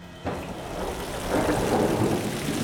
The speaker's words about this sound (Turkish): Nasıl bir yağmur yağıyor? Gerçekten korkunç.